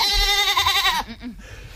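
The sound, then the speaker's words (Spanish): A goat, the legionnaires' parade mascot named Babieca, lets out a single loud bleat lasting about a second, with a wavering, quavering tone, followed by quieter rustling and a faint breathy tail. “La cabra de este año, novedades.”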